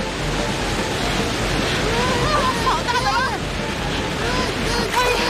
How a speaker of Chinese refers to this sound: 这是个可以制造波浪的控制台呀。启动。